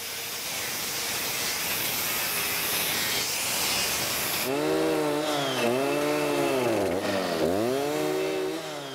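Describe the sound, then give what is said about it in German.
A loud chainsaw cuts into an oak trunk for making a bench with a steady rasping roar, then the engine whines and bogs down repeatedly as it bites into the wood. No voices. “Und dann kommen solche Sachen dann mal, oder Sägen oder was weiß ich, ne?”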